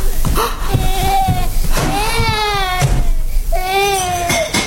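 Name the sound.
baby crying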